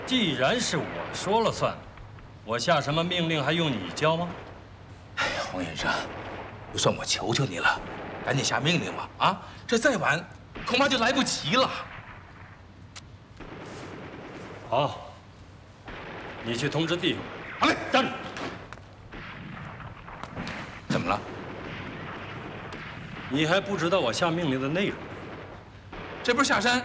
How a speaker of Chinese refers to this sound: 这山下传来的枪声越来越激烈。